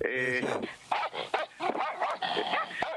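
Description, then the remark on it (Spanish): A large Doberman lets out a short, loud, tonal bark at the start, followed by talking with further canine noises mixed in. “Me suelta hola, los Doberman, tremendo. Dije hola. Tengo miedo de decir algo que me ladren.”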